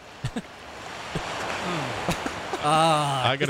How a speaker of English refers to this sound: I got to turn that ocean then. Hold on.